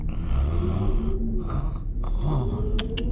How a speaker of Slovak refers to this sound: Chrápanie.